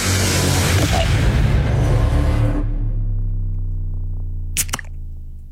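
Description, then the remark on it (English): A beer can cracks open with a single sharp snap near the end, following a stretch of loud, rough rumbling noise that drops away to a low hum. “should we roll straight into the next can?”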